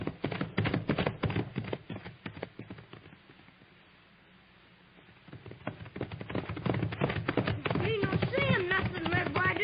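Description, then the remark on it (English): Rapid, pounding hoofbeats of horses at a gallop, loud and driving, dipping away briefly in the middle before surging back, with a voice calling out near the end. “Ride him, pony. Stir him up, Papoose. Stretch him out, Thunder.”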